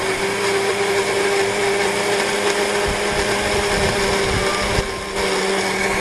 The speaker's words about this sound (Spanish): Primeramente el tomate va abajo, ¿por qué? Porque tú sabes que tiene bastante líquido. pues esto va a facilitar el licuado, incluyendo el perejil. Muy bien, vamos a licuar.